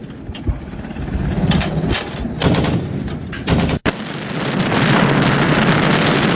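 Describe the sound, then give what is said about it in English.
Naval artillery guns fire several heavy, irregular booming shots over a constant roaring rush of wind and engine noise, then the blasts stop and a dense, steady rumbling hiss takes over. “This is what naval artillery explosions look like when fired.”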